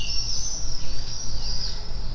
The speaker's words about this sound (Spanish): Probé con los vencejos. Si ralentizamos su voz y escuchamos su agudo y brillante canto a cámara lenta, resultan terroríficos. ¿Estarán advirtiéndonos?